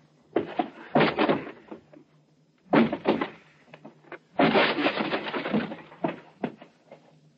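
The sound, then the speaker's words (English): A door is forced open with three bursts of heavy banging and rattling, each followed by scattered sharp knocks and creaks, over a low steady hum with no voices. “Stand back. I'll force the door.”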